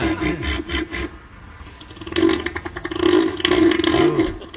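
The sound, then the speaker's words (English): An 800-pound seal in an Australian beach town blows a series of wet, raspy fart-like sputters with its mouth when people come too near, buzzing bursts that rise and fall over several seconds, loud with no talking. “And when people come up to him and he doesn't want them too close, he starts farting.”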